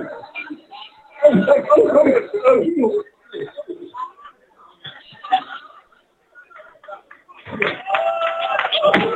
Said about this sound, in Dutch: Mooi, gefeliciteerd. Neem het applaus in ontvangst.